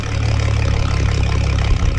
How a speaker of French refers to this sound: Puis tout ce qu'on peut entendre, c'est le ronronnement du moteur.